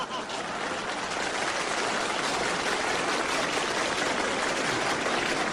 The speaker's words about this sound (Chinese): 我看谁敢再鼓掌？